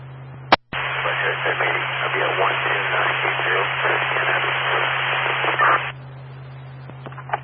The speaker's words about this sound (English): You're 10-1, all static.